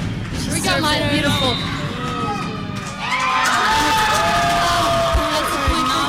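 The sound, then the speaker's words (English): A noisy crowd at a Telluride Miners versus Ignacio game shouts, whoops and cheers with voices babbling throughout, swelling louder halfway through, and a couple of heavy foot-stomp thuds land near the end as fans stomp ahead of Ignacio's game point or Telluride's side out. “You can hear the stomps getting ready for Ignacio's game point or Telluride's side out.”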